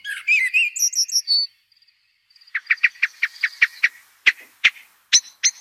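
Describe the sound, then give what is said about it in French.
A common blackbird sings, opening with a run of rich warbled phrases, then a pause, followed by a quick series of sharp, repeated chirps and clipped notes. No voices are heard. “Le merle noir, voilà, qu'on voit très souvent dans notre.”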